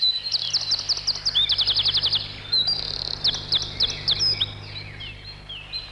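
A bird sings a bright, lively song of rapid, high-pitched chirps in quick repeated bursts, trilling phrases rising and falling over a low steady hum, with no voices.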